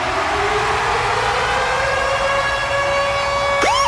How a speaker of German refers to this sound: Und zwar immer dann, wenn ihr unseren Virgin Radio Ticket Alarm hört, dann steht da Achtung.